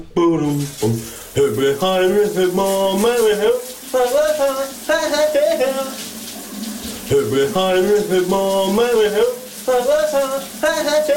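A man sings a melody up close while shower water runs steadily underneath, a constant hiss filling the pauses between his sung phrases.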